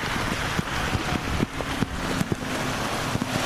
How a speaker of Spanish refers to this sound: Repito, es que vuelve a arreciar la lluvia y de qué manera, las condiciones son extremas.